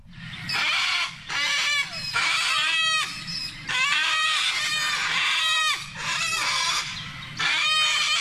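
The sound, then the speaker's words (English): Loud, harsh sulphur-crested cockatoo screeches, several birds squawking in rough overlapping bursts, nearly continuous, with no talking; cockatoos on the Surf Coast that steal food at restaurants and open bins. “Just one of our most musical birds, the sulfur-crested cockatoo that has been causing havoc on the surf coast, stealing food from people at restaurants, in lawn, opening up the bins, spreading the rubbish everywhere.”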